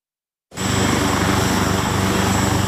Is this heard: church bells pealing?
no